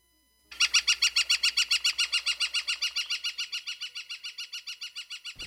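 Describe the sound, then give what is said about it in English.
A northern flicker, a large kind of woodpecker, calls in a long, rapid series of loud, evenly spaced high notes, a steady ringing 'wick-wick-wick' that gradually softens toward the end, with no one talking. “A flicker is a large kind of woodpecker that's very common in Newfoundland.”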